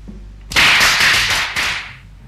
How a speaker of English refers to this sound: Firecrackers? They're banned in Hong Kong. Must be some Chinese here.